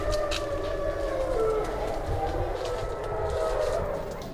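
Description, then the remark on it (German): A wolf pack howls together at night in its enclosure, several long wavering voices overlapping at different pitches and sliding up and down, sustained throughout over a low steady rumble of background noise. “Und so werden sie Augen- und Ohrenzeugen mehrerer Heularien.”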